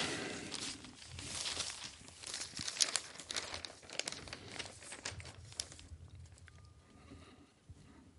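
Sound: newspaper pages being turned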